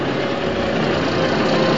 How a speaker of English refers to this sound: He turns back to the truck. His coveralls read Dawson's Garage on the back. His tow truck rumbles forward and angles around the station wagon.